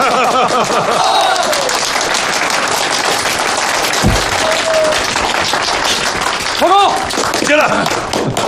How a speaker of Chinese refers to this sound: 好，给钟勋同志鼓掌， 鼓掌！